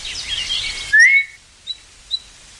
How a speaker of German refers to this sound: Als ich am zweiten Nachmittag missmutig die Gartenwege entlang schlenderte und immer wieder mit der Zunge die verheilende Zahnwunde betastete, hörte ich auf einmal einen leisen, aber scharfen Pfiff.